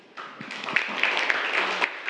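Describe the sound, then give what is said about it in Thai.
A group of students in a classroom applauds the student representative who read aloud for classmates, a dense patter of many hands clapping that starts abruptly and holds steady at moderate loudness for about two seconds, with a few sharper claps standing out. “ค่ะขอเสียงปรบมือให้กับตัวแทนในการอ่านออกเสียงให้เพื่อนได้รับชมและรับฟังค่ะ”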